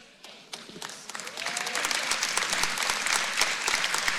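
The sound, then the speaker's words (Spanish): A crowd breaks into applause, starting with a few scattered claps and quickly swelling into dense, sustained clapping, with a faint voice or whistle briefly heard early on. “Wow, yo quiero que eso sea un aplauso más fuerte.”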